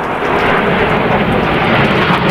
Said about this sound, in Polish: Wielozadaniowe maszyny przeleciały wcześniej nad naszym krajem od Gdańska przez Warszawę, Kraków i Łódź.